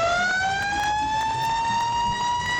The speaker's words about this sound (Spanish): Alarma, alarma, alarma, sirena, que esto se calentó.